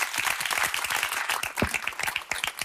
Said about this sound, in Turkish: Alkışlarım yani.